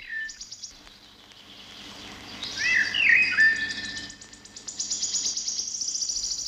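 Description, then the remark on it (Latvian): Thrushes chirp and sing outdoors, whistled phrases rising over a steady high insect-like buzz, with a clear melodic song in the middle and repeated chirps toward the end. “Tu dzirdi? Tā silpi strazdi. Viņa atlido pie mums pirmie.”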